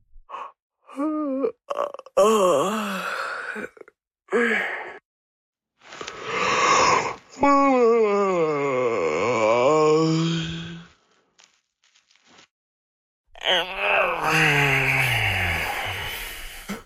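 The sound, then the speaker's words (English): Several long, drawn-out human yawns follow one another, each rising and sagging in pitch with breathy, groaning tones, fairly loud, separated by brief pauses. “The human yawn, a fascinating bodily function, whose function scientists have not figured out yet, at least not for sure.”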